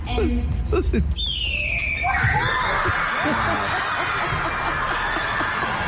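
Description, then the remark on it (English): A single long, raspy scream by a man imitating a red-tailed hawk call, sliding downward in pitch, with a short stretch of talk before it and a steady crowd-like noise rising underneath afterward. “This is what is actually the red-tailed hawk sound.”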